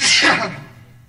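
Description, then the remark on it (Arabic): A single sharp sneeze bursts out, loud, with a breathy hiss that fades quickly. No one speaks. “رحمك الله.”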